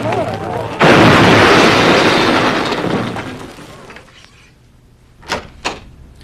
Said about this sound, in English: The road home was narrow and curved, and I was driving way too fast when I blacked out. My car ran straight into an oak tree, and I flew headfirst into the windshield.